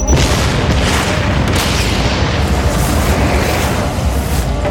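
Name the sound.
explosion boom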